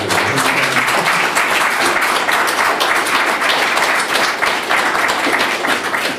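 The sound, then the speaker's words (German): An audience applauds a guest speaker steadily for several seconds after her talk at an event, a dense, even wash of many hands clapping at once, loud and sustained throughout with no pauses. “Applaus.”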